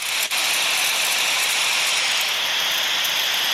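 A heavy snowfall sound effect, played at volume 100 from a menu of weather sounds: a loud, unbroken rushing hiss much like a windstorm, with one brief dip near the start and no voices.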